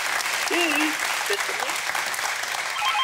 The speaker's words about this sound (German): Der Applaus zu Ihnen in die Heide.